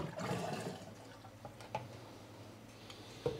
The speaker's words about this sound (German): Ich hoffe nur, dass meine Fernbedienung jetzt geht. Per Funk kommt der Wasserstrahl vom Spülwagen.